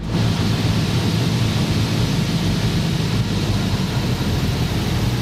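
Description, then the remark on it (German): Steady, loud engine drone and rushing air fill the cabin of a small airplane in flight on an afternoon approach to the German island of Juist, a constant roar with a low humming throb underneath and no voices. “War gestern Nachmittag irgendwann im Anflug auf Jüst.”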